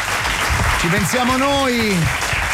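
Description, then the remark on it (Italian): An audience applauds steadily, a dense even clatter of clapping that holds for the whole stretch, while a single voice calls out a drawn, rising-and-falling cheer midway through; the applause is for tennis player Sinner after his match against Cerundolo. “Vabbè, noi facciamo un applauso.”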